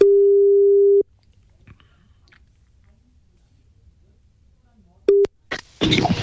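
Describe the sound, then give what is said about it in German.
An outgoing call's ringback tone on a call placed by Neue Welle: a steady, low-pitched beep lasting about a second, a long silent gap, then a second beep cut short as the line picks up and someone starts talking. “Es müsste gleich klingeln.”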